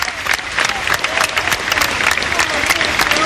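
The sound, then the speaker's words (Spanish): A large crowd claps steadily and continuously, a dense wash of overlapping handclaps that holds at an even level throughout, with faint murmuring voices mixed beneath: sustained farewell applause at the funeral procession of former Uruguayan president José 'Pepe' Mujica, his flag-draped coffin on a carriage drawn by six horses, heading to the Palacio Legislativo. “con el féretro cubierto por banderas sobre un carruaje tirado por 6 caballos y un sostenido aplauso de despedida.”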